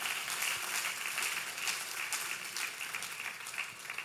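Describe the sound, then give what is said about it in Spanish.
An audience at a bilingual Spanish-English church service applauds God steadily, a dense wash of many hands clapping at once that holds at an even, fairly loud level for the whole stretch, with no voices rising above it. “Give a strong round of applause to the all-powerful God.”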